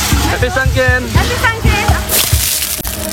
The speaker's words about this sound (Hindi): लोग एक दूसरे पर बाल्टियां भर भर कर पानी डाल रहे हैं।